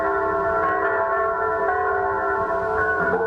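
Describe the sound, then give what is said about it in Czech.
All the large bells of St. Vitus Cathedral ring together after the service blessing the new president of the republic, in a dense, continuous peal, their overlapping tones sustained and loud throughout, with no voices present. “Po skončení obřadu se zcela zaplněná staroslavná katedrála rozezněla svatováclavským chorálem, do jeho tónu se rozezvučily všechny zvony chrámu svatého Víta.”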